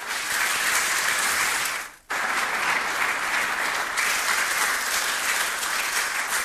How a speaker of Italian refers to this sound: e anche a lei voglio fare un sentito applauso.